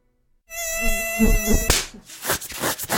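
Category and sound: insect, mosquito buzzing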